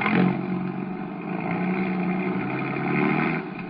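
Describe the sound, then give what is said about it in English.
A car engine roars steadily, swelling slightly as it revs and pulls away in fog, with a loud continuous rumble and no voices; two ignition wires have been taken off its motor. “Pile in. We'll see how far he can get in that car of yours.”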